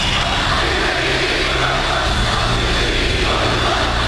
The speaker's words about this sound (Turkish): O gün Konya'da meydanı dolduran yüz binlerin feraseti vardı. Erdoğan kürsü yolunda görünür görünmez kulakları sağır edercesine yükselen alkış tufanı işte o ferasetin gözle görülür hali oldu.